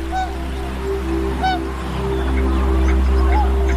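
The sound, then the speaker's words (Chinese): Tundra swans give a few scattered honking, bugle-like calls over a steady low droning hum at Wuliangsuhai, a freshwater lake wetland in the Yellow River basin, in early spring as the ice melts; the migrating swans rest there before flying on to Siberia. “对小天鹅和其他候鸟来说，水面开阔、食物充足的乌梁素海是旅途中难得的驿站。”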